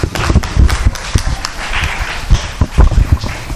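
Audience applause for a speaker after her presentation, a steady, dense patter of many hands clapping at once, fairly loud and continuous for a few seconds, with no one speaking over it.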